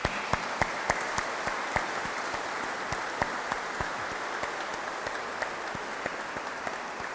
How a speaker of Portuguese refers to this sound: Caros irmãos, quero muito agradecer ao nosso coro, o coro da Sé, o coro Jubileu, por nos ajudar a elevar a nossa alma até ao céu pelas belíssimas músicas que nos apresenta. Para eles, para todos, uma grande salva de palmas.